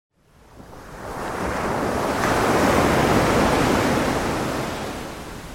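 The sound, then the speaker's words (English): Ocean waves wash onto the shore of the Isle of Wight in a steady, broad roar that swells to a peak midway and slowly eases off, with a breezy hiss throughout and no voices. “From 11 to 9, Isle of Wight Tourist Radio brings you 6 hours of uninterrupted, relaxing ocean sounds from around the Isle of Wight, perfect for drifting off, relaxing”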